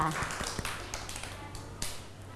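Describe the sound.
A few scattered, sharp hand claps ring out at uneven intervals over a background of voices and room noise, fairly close but not loud.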